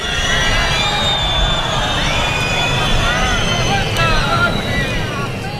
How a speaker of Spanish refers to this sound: Han sido hasta 8 segundos de pitidos, gritos, que han llevado incluso a la organización del acto a llamar por megafonía a guardar el respeto y la debida compostura a las instituciones y los alumnos en formación.